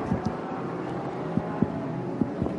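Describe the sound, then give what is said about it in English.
A Lamborghini GT4 race car, the number 44 ARC Bratislava entry, roars in a steady, broad rumble, with several sharp low thuds and pops breaking through as it shudders into gear and pulls away. No one speaks. “It's seeing it shudder as it jumps into gear, and away it goes. That was our 44 entry ARC Bratislava Lamborghini.”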